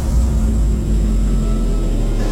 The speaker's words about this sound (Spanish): La calle luce vacía. Solo se sigue escuchando a lo lejos el sonido de los autos.